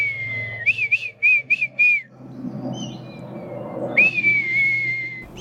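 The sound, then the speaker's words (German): A man whistles an imitation of a female red kite's call as she circles about 20 metres overhead: a long sustained whistle, then a rapid series of five short rising notes, then another long drawn-out whistle, clear over a low background hum. “ahmt ihren Ruf nach”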